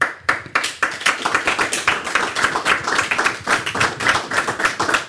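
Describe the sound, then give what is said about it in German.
Applause from a group, dense rapid hand claps forming a steady, bright patter that holds at an even, fairly loud level throughout, with no voices. “Da gibt es den Applaus.”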